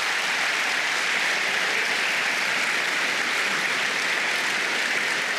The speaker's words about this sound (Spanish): Dele palmas al Señor entonces.